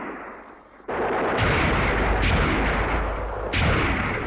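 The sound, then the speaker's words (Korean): After a brief quiet moment, loud gunfire erupts into a dense, continuous barrage, with fresh blasts and heavier bursts breaking through every second or so, like a battle raging. “총소리가 크지 못한 것을 안 놈들은 대부대가 아니라는 것을 알고 악착스레 돌아서서 달려들었다.”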